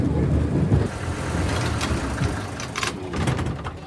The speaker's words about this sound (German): Aber wenn sich das Schienenfahrzeug hier, dieser Schienenbus schon fährt wie ein Auto, warum soll er auch nicht Fenster haben wie ein Auto?